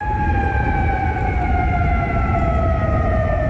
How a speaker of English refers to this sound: Those sirens heard across Kuwait City, where the military says it is actively intercepting incoming Iranian missiles and drones.